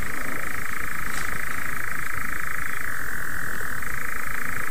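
A dense chorus of moor frogs croaking continuously, a steady bubbling, overlapping drone that fills the background with a fairly loud hum and no pauses.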